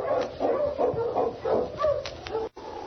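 A husky named King barks excitedly again and again, a quick run of yelping barks as it sets off on the trip to Dawson, with a steady rough noise underneath and a brief cut near the end.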